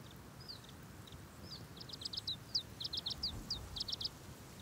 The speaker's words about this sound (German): Der zierliche Zilpzalp ist jetzt hinter ihrem Nektar her. Um an die süße Flüssigkeit zu gelangen, muss er seinen schmalen Schnabel tief in die Blüte stecken.